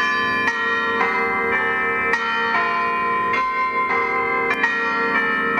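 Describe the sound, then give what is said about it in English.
Church bells of St Clements at Yass pealing in an uneven sequence of strikes, each rich metallic tone ringing on and overlapping the next, steady and fairly loud with no voices. “how about bell ringing?”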